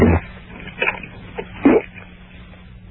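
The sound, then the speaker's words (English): A few short, muffled gulping sounds spaced irregularly, like someone swallowing air while trying to force out a burp that never quite comes, over a faint low hum. “It's just swallowing, yeah.”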